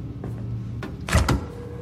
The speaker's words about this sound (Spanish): Fumando, se acerca a una nevera y la abre.